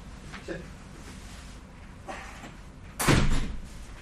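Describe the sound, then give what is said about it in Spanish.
A door is pushed shut with a single solid thud near the end, preceded by a couple of faint shuffling, handling sounds. “Ya vengo, voy a cerrar la puerta.”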